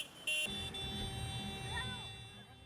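A loud, brief horn blast cuts through a steady rumble of idling tractor engines at a farmers' tractor protest in Barcelona, followed by sustained droning tones and busy outdoor traffic noise.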